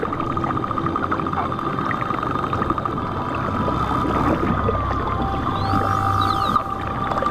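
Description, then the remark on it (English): A social pod of pilot whales whistles underwater in the Strait of Bonifacio: thin rising and falling squeals and chirps overlapping across a steady watery hiss, with a low engine-like rumble beneath, several callers trading quick upsweeps toward the end. “Pilot whales are a very social bunch and communicate with a large repertoire of whistles and other sounds.”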